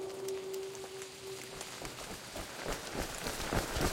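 Steady rain patters throughout while quick running footsteps slap through it, growing closer and louder toward the end. A faint steady hum sounds briefly at the start.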